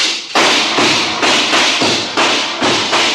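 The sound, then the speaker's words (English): A door in a mine is forced open with about seven loud, heavy thuds in a steady rhythm, each a dull booming crash hitting right after the last, with no voices. “You ain't gonna open the door yourself, Roy. I sure am. Fast like this.”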